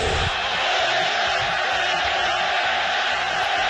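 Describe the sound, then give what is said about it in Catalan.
A large stadium crowd at El Molinón roars continuously during a World Cup match, voices merging into a loud, dense wall of sound with rhythmic chanting pulses rising and falling throughout, in an angry, protesting tone. “El públic del Molinón, estadi que ja va néixer el crit a Siga en el Madrid, per tant, gent que en sap, va reaccionar d'aquesta manera.”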